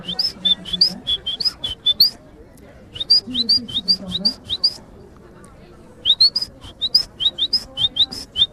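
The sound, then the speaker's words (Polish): A person on a kayaking trip imitates duck calls with a voice at groups of ducks: three bursts of quick, repeated nasal calls, each run lasting about two seconds with short pauses between, fairly loud. “Przetestowałem moje zdolności na grupach kaczek, które mijaliśmy i nawet przypływały do mnie.”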